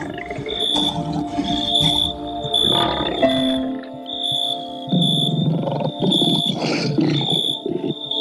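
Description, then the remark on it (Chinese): A hungry pride of lions growls and snarls in rough, rumbling bursts while feeding on a young giraffe they have killed, with a steady high insect chirr running underneath throughout. “在几小时前那场长颈鹿的较量中，其中一只长颈鹿倒下了，成了饥饿狮群的晚餐。”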